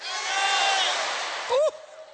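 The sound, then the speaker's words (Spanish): An audience with hands raised shouts their own names together on a count of three, many voices calling out at once in a loud, overlapping roar that holds for about a second and a half, then one voice rises sharply in pitch as it fades. “A las tres quiero que todos griten su nombre con las manos en alto, porque tu nombre está escrito en los cielos.”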